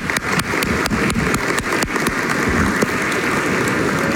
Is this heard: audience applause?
yes